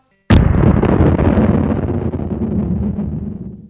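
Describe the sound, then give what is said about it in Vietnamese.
A bomb explodes with a sudden sharp blast at the start, then a loud, deep rumble that rolls on for several seconds and fades only slightly. No voices are heard. “Bỗng một tiếng bom xé trời, tai ta nghe nhầm có phải?”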